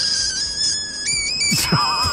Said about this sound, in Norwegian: Det er sådan en frø, der er blevet pustet op, og så slipper man den.